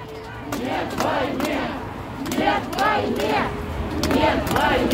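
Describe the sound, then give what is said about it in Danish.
Anti-war protesters in Russia, walking with small signs around Pushkin Square at the start of the full-scale invasion of Ukraine in February 2022, shout 'no to war' and chant in overlapping voices, with rising, arching calls repeating every second or so over a constant rumble of many people. “De gik med små skilte, og de gik og råbte nej til krig.”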